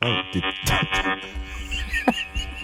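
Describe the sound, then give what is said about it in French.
A vibrator buzzes in a steady, harmonically rich drone that rarely lets up, its pitch wavering slightly and pulsing in loudness, sounding a bit like a swarm of wasps. “c'est-tu ton dildo pour vrai, ça? Excuse-moi, ça sonne comme un nid de guêpe, mais...”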